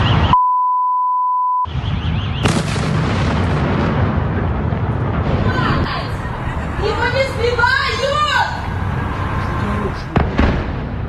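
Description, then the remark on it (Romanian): A short electronic bleep, then a loud, dense rumble of explosions with sharp bursts during a missile attack on Kyiv, Ukraine, heavy, while raised voices come through the noise partway along. “Timp de aproape 9 ore, sirenele s-au auzit aproape fără întrerupere, în timp ce explozii au zguduit cel puțin 12 zone ale orașului.”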